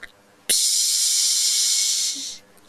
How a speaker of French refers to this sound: C'est la baleine bleue.